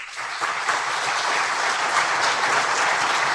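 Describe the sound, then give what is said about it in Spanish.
A crowd at the Festival Cultural Región Enriquillo applauds steadily for the attending authorities of the region's provinces, a dense, continuous wash of clapping that holds at an even, fairly loud level throughout without any talk over it. “y extiendo ese saludo cariñoso y afectuoso a las demás autoridades de las provincias que conforman esta región Enriquillo, que también nos acompañan y para quien pido un fortísimo aplauso.”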